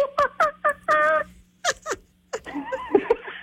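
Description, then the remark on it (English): A person imitates a monkey call with a run of short, rising hoots and a longer strained cry, then breaks into a rough, chattering stream of squeals and pants, like laughter. “we asked you, our Sonic listeners, to do your best monkey impression.”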